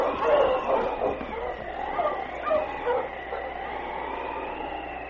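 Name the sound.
husky sled dogs barking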